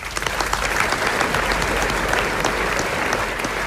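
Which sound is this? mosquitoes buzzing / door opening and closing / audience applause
audience applause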